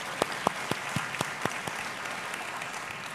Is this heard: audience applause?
yes